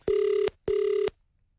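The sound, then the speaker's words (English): Two steady ringback tones from an outgoing phone call to a randomly chosen person, each lasting about 0.4 seconds with a short gap between them, clear with no talking over them. “I'm calling somebody random. Please be... Your phone must be on.”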